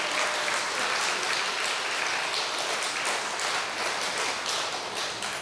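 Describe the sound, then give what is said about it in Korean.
A crowd applauds steadily, many hands clapping in a dense, even patter that holds at a fairly loud level for the whole stretch, with no voices. “지 돈 안 줬다고 박수 치는 거 봐.”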